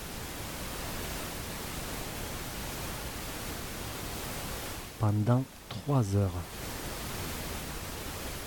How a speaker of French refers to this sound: Ce bruit blanc permet de vous aider à vous concentrer rapidement dans votre travail, de vous aider à vous endormir en quelques minutes lors de nuits agitées et à vous relaxer totalement